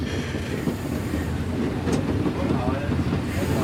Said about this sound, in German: Die Lokomotive gehört der historischen Eisenbahn in Frankfurt und ist in Frankfurt-Ost im Hafen beheimatet. Baujahr 1934, ist eine Schnellzuglokomotive, 103 Stundenkilometer schnell, rückwärts 80.